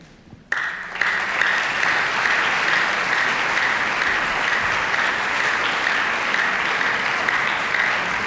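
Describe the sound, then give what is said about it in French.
A concert audience breaks into sustained applause, a dense, steady patter of many hands clapping that starts abruptly after a brief quiet moment and continues evenly throughout, as the door opens for the cellist's entrance at a cello and piano recital. “Voilà, sous les applaudissements du public, on ouvre la porte.”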